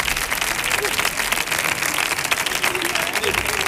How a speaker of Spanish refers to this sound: ¡Fuerte el aplauso